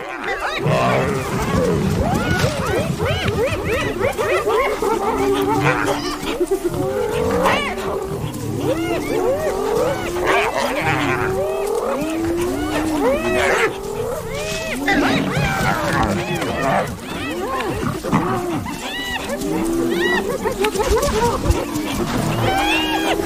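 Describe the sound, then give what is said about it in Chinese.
A raucous clash between spotted hyenas and a lion as the hyenas try to drive the lion away from its prey: a dense, continuous chorus of whooping, cackling calls, snarls and growls, loud, overlapping without pause throughout. “我还从来没见过斑鬣狗把一只狮子从猎物旁边赶走。”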